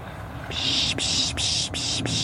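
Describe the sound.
A person imitates a raptor call to draw birds such as tits closer, producing a long hissing, breathy sound broken into four or five rapid bursts. It is fairly loud, and no one speaks.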